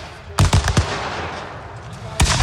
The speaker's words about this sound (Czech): Střelba a dělové saldy při rekonstrukci byly ovšem jenom zlomkem toho, co tady na bojišti znělo před 160 lety.